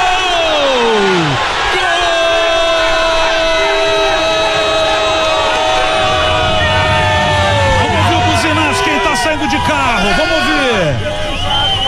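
A loud, dense crowd of Grêmio football fans cheers and celebrates as they come down a ramp, with overlapping shouts, whoops and sustained tonal calls swelling and sliding throughout, never dropping to quiet.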